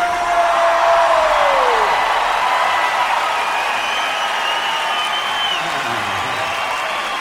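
A large crowd cheers and applauds steadily throughout, a dense wash of clapping with scattered whoops and shouts rising above it, loud, with no clear speech.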